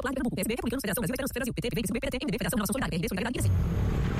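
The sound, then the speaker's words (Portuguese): A person talks for a few seconds, then a loud, low engine rumble of a motorcycle passing by takes over and fills the final second alone. “Amor, ouviu essa moto?”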